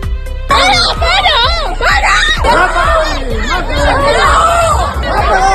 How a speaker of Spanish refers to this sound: Se escuchan gritos de parad o también de mátalo ahí.